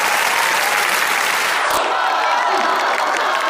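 A group claps steadily for several seconds, a dense, even wash of many hands with no voices standing out, loud throughout.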